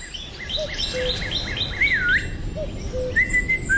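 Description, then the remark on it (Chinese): A student at school whistles in imitation of birdsong: a quick run of bright, chirpy notes, then a wavering warble and a few held tones, moderately loud over a faint background hiss, with no talking. “不许吹口哨，破坏纪律。”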